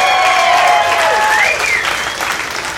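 A crowd of people who grew up in the 1980s breaks into loud, sustained applause when asked for a round of applause, dense clapping with a few whistles cutting through, holding steady before tapering slightly toward the end.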